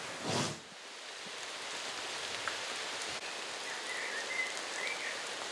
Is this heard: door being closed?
no